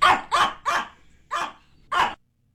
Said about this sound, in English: I'm going to play a couple different dogs, and I'd like you to translate what they're saying, please.